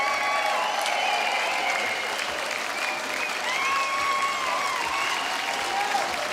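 Steady, sustained applause from an audience, a dense wash of clapping that holds at an even, loud level for the whole stretch, with faint cheering tones riding on top.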